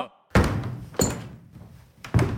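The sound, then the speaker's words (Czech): Three heavy wooden thuds pound against a ship's deck floor, loud, each with a short booming decay. They come at an uneven, deliberate pace, with no voices. “V tu chvíli se ozvaly rány, jako by někdo bušil dřevěnou palicí do podlahy.”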